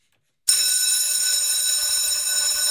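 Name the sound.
school bell ringing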